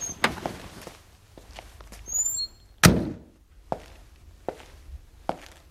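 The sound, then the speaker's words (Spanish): A car door shuts with one solid, heavy thud as a man gets out of his car on the deserted Gran Vía, followed by a few scattered footsteps and some light clicks in an otherwise quiet setting, with brief high chirps just before. “Sale del coche.”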